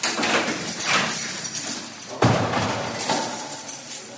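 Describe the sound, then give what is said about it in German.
A heavy prison door in a North Rhine-Westphalia prison slides and scrapes, then lands with a loud metallic thud, followed by rattling, clanking sounds as it is worked shut, with no voices. “Tag für Tag öffnen und schließen Seelsorgende in Nordrhein-Westfalens Justizvollzugsanstalten viele Türen.”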